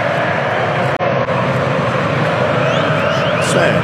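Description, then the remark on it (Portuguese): A large football crowd chants and sings together, a dense, steady roar of many voices that stays loud throughout, with a brief dip in the sound about a second in. “Sobe o som, porque a torcida tá gritando. Tá cantando.”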